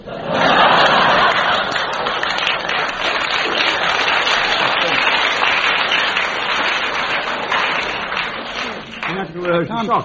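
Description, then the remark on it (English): An audience, including a lady in the front row, claps in a steady, dense burst of applause for about nine seconds, mixed with a little laughter, before it thins and a voice begins talking. “Lady in the front row winced and clapped at the same time.”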